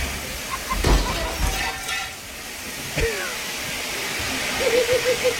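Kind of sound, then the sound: household object, water gushing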